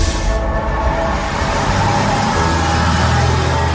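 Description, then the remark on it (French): A city bus on line E in Laval, Mayenne, France, rumbles along steadily, its engine drone low and constant with road noise, shifting slightly as it slows toward the stop at place de la Trémoaille. No one speaks. “Nous sommes sur la ligne E du bus Lavallois. On arrive place de la Trémoaille, qui, il y a 200 ans, a été une place des fêtes très particulière.”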